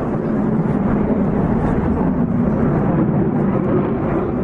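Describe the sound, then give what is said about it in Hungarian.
A loud, steady roar of a B-2 stealth bomber and several F-35 fighter jets flying overhead in formation, an air force flyover before the start of a city street car race, a dense rumbling wash of engine noise that holds constant throughout with no voices. “Elhúzott a fejünk felett a híres hírhet B2-es lopakodó bombázó, és néhány F-35-ös vadászgép is kötelékben.”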